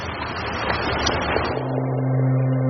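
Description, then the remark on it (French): Blum's car engine hums amid a noisy, crowded street, stuck in a jam of pedestrians attending Jacques Bainville's funeral, then settles into a steady, droning rev that holds fairly loud to the end. “Et fatalitas, sa voiture est prise dans un embouteillage de piétons.”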